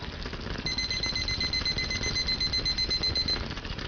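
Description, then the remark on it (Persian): A kitchen timer, set for 7 minutes while rice cooks in a clay pot over a lowered flame, rings with a rapid, high-pitched electronic beeping that runs steadily for about three seconds over a constant low background rumble. No one speaks. “حالا شعله رو کم می‌کنیم و تایمر رو روی 7 دقیقه تنظیم می‌کنیم.”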